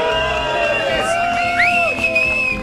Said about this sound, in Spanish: Coro de madrigalistas formidable que nos acompaña en el Parque de la China, al pie de la estatua de mi queridísimo e inolvidable tocayo. ¡Ovación para mi tocayo condenado!